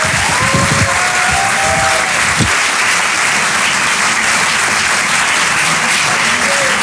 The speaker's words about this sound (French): Mamie Bajon qui est avec nous ce soir, on peut l'applaudir très fort. Voici la Bajon.